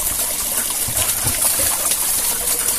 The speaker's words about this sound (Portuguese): Pai, olha que mina d'água mais linda. Sai um cano de 150 polegadas da mina. Ah, não é corgo não, ó.